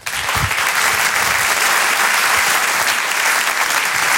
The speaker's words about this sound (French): Je vous demande un tonnerre d'applaudissements également, s'il vous plaît, pour Haroun.